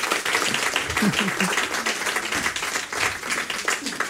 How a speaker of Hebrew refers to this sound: חושבת שמגיע מחיאות כפיים על המשפט הזה, נכון?